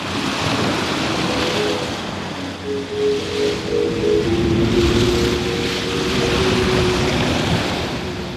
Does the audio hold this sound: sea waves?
yes